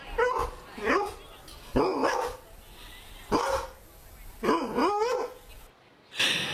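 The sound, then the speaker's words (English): A dog named Jonta, of a hunting breed known for an excellent sense of smell, barks repeatedly, five or six loud barks with short gaps between them, some with a slight whine, heard on their own. “Do you reckon dog lovers can tell which breed of dog it is from their bark?”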